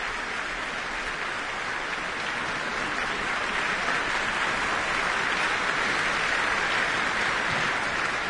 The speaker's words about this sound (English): Applause for concertmaster Vesa Matilepinen.